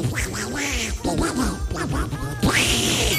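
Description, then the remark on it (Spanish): A person does a Donald Duck voice, a loud stream of raspy, garbled quacking squawks that runs unbroken for about three seconds, with a stronger burst near the end. “Se me entiende, no se me entiende, pero hago como el pato Donald.”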